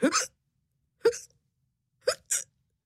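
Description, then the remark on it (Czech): A cat lying under a table hiccups four times, each a short, sharp squeaky gulp. The first three are about a second apart and the last follows quickly after the third, with silence between. “Podíval se pod stůl, kde ležela jeho kočka a škytala.”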